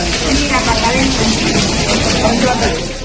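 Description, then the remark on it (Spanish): Rainwater pours down in a steady, loud, hissing rush that stays even for the whole few seconds, with faint murmuring voices buried underneath the flow; the water is falling inside the Materno maternity hospital in Badajoz, where part of the delivery rooms flooded. “pero es el caer de la lluvia, del agua en este caso, en el Materno de Badajoz, donde en las últimas horas se inundó parte de los paritorios”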